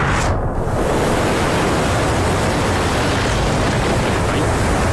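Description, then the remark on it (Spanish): Heavy rain and rough, churning sea aboard a rocking ship that sails a line between the United States and England: a loud, unbroken hiss and roar, steady throughout with no voices. “Que está lloviendo un montón y este barco no se está quieto.”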